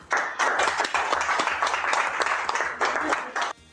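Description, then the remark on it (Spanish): An audience breaks into applause for a band and its director on duty, a dense, steady wash of many hands clapping for a few seconds before it cuts off abruptly. “Y a hoy les pido un aplauso para toda … y para el director en turno.”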